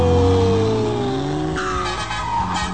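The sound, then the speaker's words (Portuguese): A heavy truck's engine roars loudly on the road, its pitch shifting as it revs and accelerates past, with a rising high whine partway through and no voices. “Pra Grisadinha que tá acelerando por cá.”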